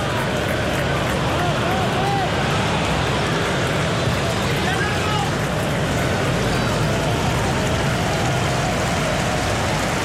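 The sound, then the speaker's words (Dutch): A football stadium crowd applauds Marcus Rashford as he begins warming up, in a dense, steady wash of clapping that holds at an even, loud level for the whole stretch, with a faint murmur of crowd voices mixed in. “Het applaus voor Marcus Rashford.”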